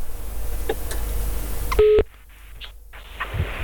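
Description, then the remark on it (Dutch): A single steady electronic telephone beep tone, heard while placing a phone call, sounds for about a fraction of a second, loud and clear over low background hiss, followed by quiet line noise with faint clicks. “Als ik dit hoor, hoor je de pieptonen?”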